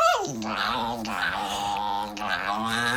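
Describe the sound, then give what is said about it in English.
A small dog growls and whimpers as a woman tries to cut its nails, making a continuous, wavering whine that rises and dips in pitch for about three seconds with barely a pause. “It's the ugliest dog I've ever seen.”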